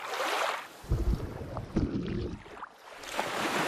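Turbulent Yellow River water in Ningxia rushes in a steady, broad hiss, broken by heavy low churning surges that swell and subside through the middle. No one speaks.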